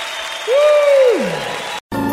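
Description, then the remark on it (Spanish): An audience claps to the Lord in steady, dense applause, with a single sustained tone sliding downward over it and a brief cutoff near the end. “palmas al Señor.”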